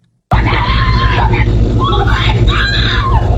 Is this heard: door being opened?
no